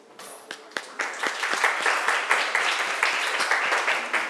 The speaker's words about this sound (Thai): ขอเสียงปรบมือให้กลุ่มที่4ครับผม